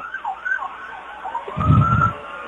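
Fire truck sirens wail in a rising and falling pitch as first responders' fire trucks, lights flashing, pass in a parade, not on an emergency, the steady tone joined near the end by a deep, loud rumble as the trucks roll past. No one speaks.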